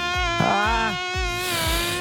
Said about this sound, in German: Ein so schlimmes Geräusch, da kriege ich direkt Gänsehaut. Ne? Mücken im Schlafzimmer, für mich die absolute Hölle.